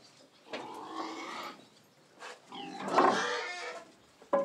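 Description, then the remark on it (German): Pigs on a farm in the Spreewald, Germany, grunting and squealing as a cart of manure is taken out of their sty, in several loud, drawn-out bursts with short gaps between them, the calls rough and somewhat tonal, ending with one sharp, abrupt grunt. “Schweine mögen es sauber.”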